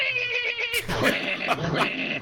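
A cat meows in drawn-out, wavering yowls, several insistent calls in a row that rise and fall in pitch, fairly loud.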